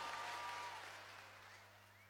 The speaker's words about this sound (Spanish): Fuertes aplausos para los fundamentalistas del aire acondicionado.